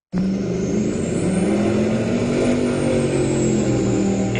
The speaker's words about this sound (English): People in the Shuswap have been asked to report loud boats on local lakes this summer. As Jacqueline Gelino reports, this comes as Transport Canada prepares to bring in new noise restrictions.